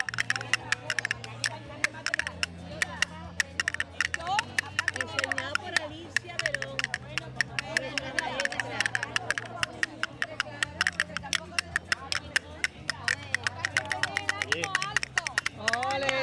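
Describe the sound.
Castanets clack in rapid, bright rattling bursts that keep a quick, steady rhythm throughout, played over music with a sustained low bass line and a murmur of voices.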